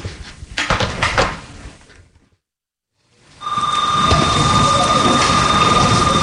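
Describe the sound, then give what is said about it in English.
A front door rattles open and thuds shut in a few clattery bursts, then a brief silence gives way to a loud, steady background with a sustained ringing tone. “About to be out the door.”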